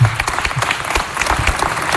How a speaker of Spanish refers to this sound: Fuerte aplauso